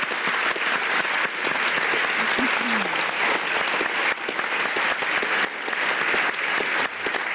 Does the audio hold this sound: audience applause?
yes